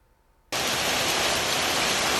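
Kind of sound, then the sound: nature, hail falling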